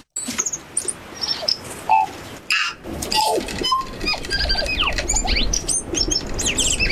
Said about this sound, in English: But I reckon they left New Zealand birds out of the study, because for my money, there is nothing more melodious than the New Zealand tui.